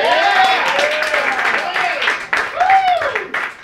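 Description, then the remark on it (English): A comedy show audience applauds a comedian steadily for several seconds, with dense, continuous clapping and a few rising whoops and cheers over it, loud throughout. “everybody, give yourself a round of applause for coming out tonight.”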